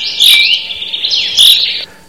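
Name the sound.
small birds chirping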